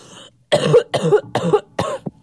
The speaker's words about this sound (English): Pardon my cough. I'm a bit ill.